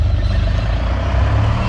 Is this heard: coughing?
no